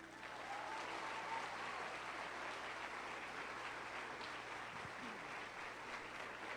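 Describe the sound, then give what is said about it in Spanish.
Sustained applause from a large audience at an evening Christian gathering, given in honour of Jesus; a dense, steady wash of clapping that fills the whole stretch at a constant loud level, with no voices standing out. “Bueno, y le vamos a dar esta noche el mejor de los aplausos al verdadero artista.”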